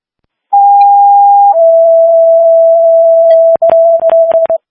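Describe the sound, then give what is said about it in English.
A two-tone dispatch pager alert sent as a test page for St. Louis Evelyn Ambulance: a steady high tone steps down to a slightly lower sustained tone, then ends in a few sharp clicks and bursts of static, loud with no voices. “Can you do a tester page? Our tones didn't go off on that last call.”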